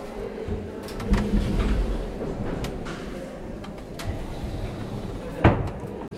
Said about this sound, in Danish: Jo, og så plejer man at stå her, og så er der så tre pedaler, som jeg så bare tramper ned. Så det var en af gangen. Sådan her.